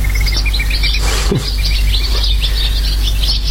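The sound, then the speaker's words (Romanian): A dense chorus of many small birds chirping and twittering nonstop at dusk near a park, high-pitched calls overlapping from several directions over a steady low background rumble, with no talking. “Ciripesc ca niște nebune.”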